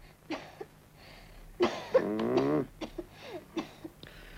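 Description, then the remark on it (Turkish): A child coughs several times on request during a doctor's examination, a harsh raspy burst in the middle with short sharp coughs before and after, over a faint low hum. “Derin nefes al bakayım yavrum. Öksür çocuğum bakayım.”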